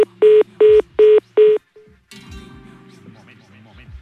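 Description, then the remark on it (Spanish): Four evenly spaced electronic tones from a landline telephone on a failed call beep in quick succession, loud, then a short fainter tone before the line opens into a muffled, noisy hiss. “¿Cuando ocurre esto es porque cuelga?”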